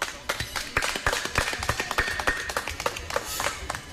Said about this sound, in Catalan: i bé, en aquests moments us volia demanar un aplaudiment per a tota aquesta gent que ja no està amb nosaltres.